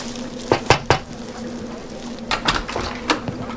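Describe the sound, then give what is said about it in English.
Three sharp knocks on a stranger's door in quick succession, followed after a pause by another looser cluster of knocks and rattles, with a low steady hum underneath and no talking. “Lord, we ask you to protect us from harm and provide for us as we're about to knock on this stranger's door.”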